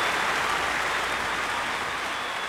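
Steady applause from an audience fills the whole stretch: a dense, even wash of many hands clapping at once, fairly loud and unbroken, with no voices on top.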